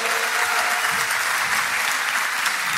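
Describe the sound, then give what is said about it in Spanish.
A crowd applauds steadily, the dense clapping loud and sustained without pause for the whole stretch, with no voices standing out above it. “Un aplauso para los que la hicieron.”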